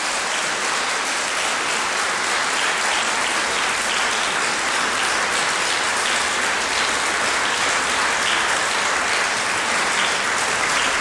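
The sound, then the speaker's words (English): Sustained applause from a crowd, clapping for Tunisia, fills the whole stretch: a dense, steady wash of many hands clapping at once, loud with no pauses or talking. “Again, clap for there. Clap for there. Now, clap for there.”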